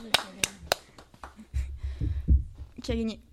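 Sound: applause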